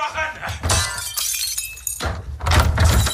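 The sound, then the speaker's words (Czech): Gunfire from the soundtrack of the film Anthropoid, as the Gestapo break into the Zelenka family's flat in Prague: loud, sharp bursts with crashing, breaking noise, mixed with shouted German voices, dense and chaotic throughout, swelling again toward the end. “Zvuk střelby a německé povily zní ve chvíli, kdy do bytu rodiny Zelenkových v Praze vniká gestapo”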